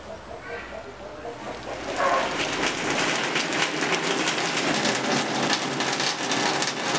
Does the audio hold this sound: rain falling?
yes